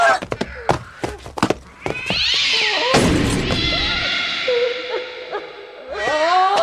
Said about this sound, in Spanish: ¡Maldito gato! ¡Mira lo que has provocado!